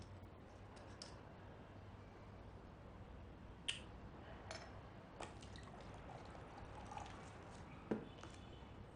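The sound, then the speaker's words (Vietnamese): Water pours steadily into a glass in a soft, continuous trickle, broken by a few light clinks. The sound is quiet, with no talking. “Anh để tôi tự rót.”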